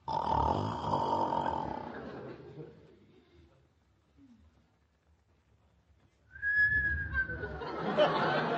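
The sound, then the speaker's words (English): A long, rasping snore drawn in, a few seconds of near silence, then a loud whistling note through the nose that slides downward over a rough, breathy rush of air. “Gee, it takes a snore a long time to go through his nose.”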